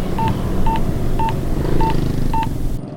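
Five short, evenly spaced telephone keypad tones beep one after another as a man dials a phone number to make a call, each clear, over a steady murmur of background noise.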